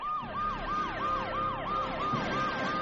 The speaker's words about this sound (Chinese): 尖锐的警笛声由远而近